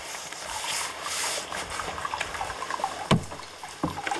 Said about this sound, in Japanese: このね、お湯が出てる音しますよね。